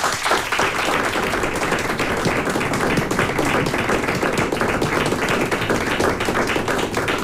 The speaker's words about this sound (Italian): ma un saluto quanto mai caloroso e direi forse anche un applauso ai musicisti dell'Orchestra Sinfonica di RTV Slovenia, oggi i nostri ospiti diretti anche dalla maestra Mojca Laurencic. Un applausino.